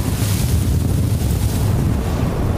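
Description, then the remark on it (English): Strong Gobi desert wind roars steadily, gusting up to 70 miles an hour, a dense low rumble buffeting the microphone with a hissy rush on top, holding at a constant heavy level with no voices present. “we've been experiencing the Gobi winds. It's been gusting up to 70 miles an hour all night, and the temps have probably been down to almost negative 50 with the wind chill.”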